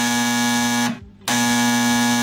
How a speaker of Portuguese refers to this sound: O telefone tocou.